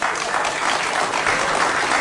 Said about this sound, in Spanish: Y los alcahuetes aplaudan.